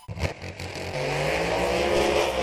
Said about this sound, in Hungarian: Feldőgnek a motorok Fertőszent Miklóson. Most vasárnap egésznapos autós motoros gyorsulási verseny, tuning találkozó és kiállítás a Fertőszent Miklósi repülőtéren. Lóerők, látványos gépek, sebesség és adrenalin egész nap.